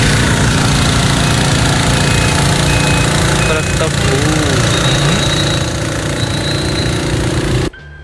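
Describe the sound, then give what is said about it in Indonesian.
The heavy engine of a sugarcane truck runs loud and steady with a deep rumbling, knocking drone, cutting off abruptly near the end; the truck overturned in front of SMA 5. “Truk tebunya kenapa, Pak? Nah, ini di mana ini ya? Truk tebu.”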